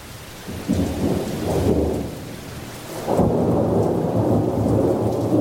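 Steady rain pours down while low thunder rumbles and rolls, swelling loudly twice, heavy, with no voices present.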